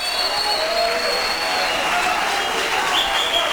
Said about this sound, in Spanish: Un fuerte aplauso a ese amor divino, a ese amor glorioso, a ese amor majestuoso. Aleluya.